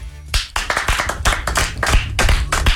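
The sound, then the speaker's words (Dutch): Gentle applause from a small group, many overlapping hand claps patter steadily for a couple of seconds at a restrained, moderate volume with no voices over it. “Niet te hard applaus? Zacht applaus?”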